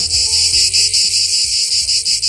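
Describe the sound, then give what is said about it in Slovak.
Loud, dense buzzing of cicadas fills the scene, a continuous high-pitched drone that throbs in steady rhythmic pulses, with no voices. “Účastníci budú kráčať a počúvať aj cikády a zároveň sami prispievať k zvukovej kulise.”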